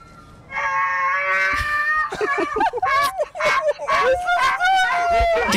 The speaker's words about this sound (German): ich hatte mal die Katze und die hat aber auch schon sehr gejault